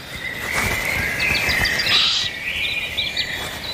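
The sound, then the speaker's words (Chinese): Raven alarm calls ring out through a forest in Germany's Black Forest, warning other forest animals of an eagle-owl, a string of sharp, repeated cries over a steady high-pitched background chorus, continuous, with no talking. “周围响起渡鸦警觉的叫声，他在提醒林间动物们警惕这种可怕的捕食者。”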